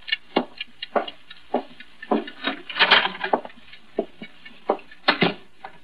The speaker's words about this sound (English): Get that clock out of here. It's making me jumpy.